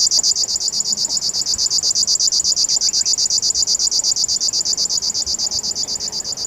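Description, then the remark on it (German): A river warbler, at the western edge of its range, sings a continuous, high-pitched mechanical buzz made of rapid, evenly spaced pulses, like a sewing machine running steadily. It holds the same rhythm and loudness throughout, with no voices. “Und ab und an in seiner westlichen Verbreitungsgrenze hier der Schlagschwirr, der dann so ein bisschen so ein Nähmaschinengeräusch hat.”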